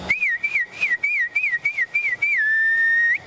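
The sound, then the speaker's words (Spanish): A person whistles to call cattle to the corral: a quick series of short, warbling rising-and-falling notes, then ends on one long, steady sustained tone, clear with no talking. “A veces el ganado se acostumbra al silbío, ¿no? Al silbío.”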